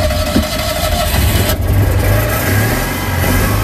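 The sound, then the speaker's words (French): A 1979 Citroën Dyane 6 car's engine runs with a steady, throbbing low rumble, its pitch rising slightly as if gently revved, loud and continuous throughout with no voices. “Je vous présente ma voiture, donc c'est une Citroën Diane 6 de 1979.”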